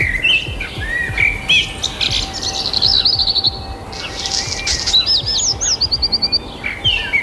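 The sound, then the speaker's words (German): Several birds sing and chirp outdoors in the early morning, with repeated bright whistled trills and rapid descending note series over a soft ambient background, lively throughout. “Finde ich grandios, wenn die Vögel draußen pfeifen, vor allem dann in der Früh.”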